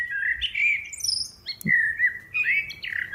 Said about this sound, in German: Und die Amsel ist eben ganz oben gelandet, auf der 1. Wir hören mal rein, wie so eine Amsel so singt.